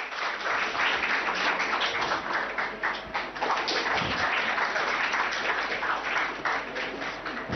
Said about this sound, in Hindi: बिल्कुल सही बात है, जोरदार तालियां आपके लिए।